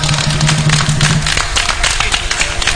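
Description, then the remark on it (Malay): A crowd at a wedding celebration applauds steadily for about three seconds for a YB (elected representative), a dense, crackling wash of many hands clapping at once, with a low steady hum underneath during the first half. “Tepuk tangan sikit pada YB kita.”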